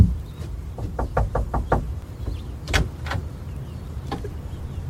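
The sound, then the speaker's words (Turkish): A quick series of about five sharp knocks on the door of a porter's lodge at a large mansion, followed by a couple of louder single thuds, with a low rumbling background and no talking. “Kapıyı çal”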